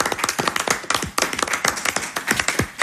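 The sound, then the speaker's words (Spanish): Steady applause from a group for all the compañeros (comrades), many overlapping claps forming a dense, continuous patter at fairly even loudness for about three seconds, with no voices. “Damos un aplauso aquí a todos los compañeros.”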